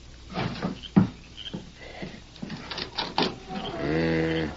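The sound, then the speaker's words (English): Soft footsteps shuffle across the hollow wooden boards of a porch at night, broken by a single heavier thump of a wooden leg, followed by a few scattered knocks and a drawn-out creak at the end. “Then on the wooden porch sounded soft footfalls and the faint but unmistakable thump of a wooden leg.”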